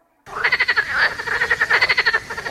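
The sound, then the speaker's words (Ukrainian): A frog croaks in quick, rattling pulses, two bursts of rapid repeated calls separated by a brief pause, loud with no other sounds around it. “Місце, де ваші діти можуть побачити жабу не лише в телефоні.”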